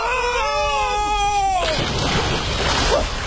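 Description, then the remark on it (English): A wavering, high-pitched wail gives way abruptly to a loud, broad rush of splashing water as two people drop into the sea, churning steadily until the end. “The girl and I dropped like a couple of eggs into the salty soup.”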